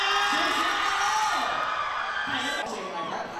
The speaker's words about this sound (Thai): วัดกันที่เสียงกรี๊ดให้กำลังใจคู่กันแบบนี้แหละค่ะ